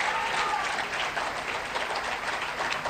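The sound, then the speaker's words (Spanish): Sustained audience applause bidding farewell to the President of the Nation at a dinner event: a dense, steady wash of many hands clapping at an even loudness throughout, with no voices standing out. “Señoras y señores, agradecemos y despedimos al señor Presidente de la Nación con este aplauso.”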